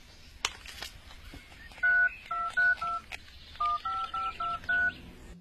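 Two quick bursts of telephone keypad tones as a phone number is dialed to call someone, a few short beeps in a row, then a pause and another run of beeps, clear, with no talking.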